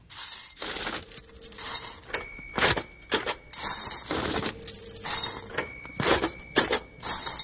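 A toy cash register rings and clacks while coins in a bowl clink and rattle, with other household items, forming a rhythmic loop that repeats twice. The sounds are bright, with short metallic dings among the jangling. No one speaks.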